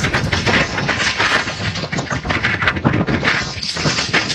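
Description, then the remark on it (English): Heavy storm surf of the Atlantic Ocean roars and crashes against the northeast coast during a powerful nor'easter, in a dense, continuous wash of noise, with surging bursts as waves break. No voices are heard. “The sounds of a very angry Atlantic Ocean battering the northeast coast as residents deal with a powerful nor'easter that's already left more than 150,000 customers without power.”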